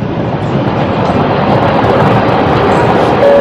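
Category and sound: vehicle, train running on railway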